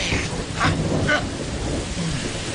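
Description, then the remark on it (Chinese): Light spring rain of the Grain Rain (Guyu) season falls on newly planted trees and lawns at Laoniupo as a steady, even hiss, with a low rumbling undertone and a couple of brief brighter patters near the start. It's moderately loud and continuous throughout. “正是谷雨，这就有雨了。”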